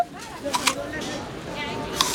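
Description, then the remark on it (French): Crisp, crunchy bites into a green apple: two sharp snaps in quick succession, a pause, then one more crunch, each brief and fairly loud over a low background murmur. “Tiens, tout doux, une pomme verte. Tu veux croquer dedans?”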